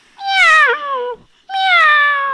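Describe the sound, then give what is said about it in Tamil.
A voice imitates a kitten meowing, giving two loud, drawn-out meows, the first sliding downward in pitch, with a short pause between them. “இது பேர் குட்டி பூனை.”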